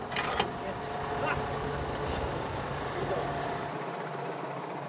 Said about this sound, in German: Jetzt muss die Hydraulik helfen. Carsten kann das Koppeldreieck am Traktor hoch und runter fahren.